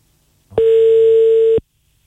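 A single steady telephone ringback tone sounds for about a second, loud, starting and stopping abruptly with silence around it and no voices, as a Radio One host calls a listener live on air.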